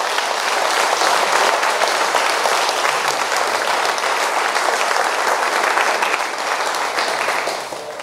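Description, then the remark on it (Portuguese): An audience applauds for Jesus, many hands clapping together in a dense, sustained wash of sound that holds for several seconds before easing slightly at the end. “Palmas para Jesus.”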